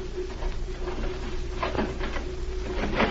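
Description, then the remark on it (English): A door is opened with a few scraping, clunking knocks over a low, steady hum, ending in a sharper thump. No one speaks. “Open the door.”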